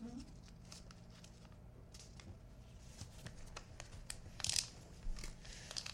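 Crisp crinkling and rustling of wrapping paper being folded around a book that is too large for the piece of paper, the microphone right down by the book, with sharp bursts of crackle toward the end over a low background hum.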